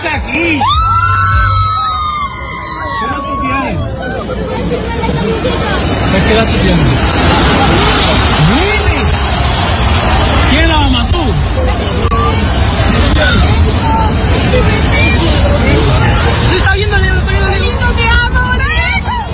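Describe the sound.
A dense crowd roars and shouts continuously at a live event, with high excited voices and whoops rising over a steady wall of babble, loud and close throughout.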